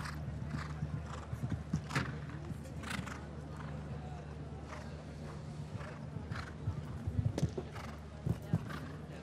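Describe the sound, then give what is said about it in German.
A horse, DiCaprio, a 15-year-old descended from Diarado and ridden by Nicola Pohl, whinnies while its hooves clip-clop in an uneven, scattered rhythm, with sharper knocks clustering near the end, all over a steady low hum. “Übrigens, das Pferd gehört ihrem Freund, der auch in Dagobertshausen lebt, nämlich der Brite oder dem Briten Donald Whittaker.”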